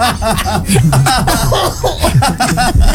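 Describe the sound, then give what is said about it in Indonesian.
A run of loud coughing bursts, repeated rapidly in an uneven rhythm and tangled with snickering, laugh-like breaths, filling the whole moment without pause. “aduh, apa batuk?”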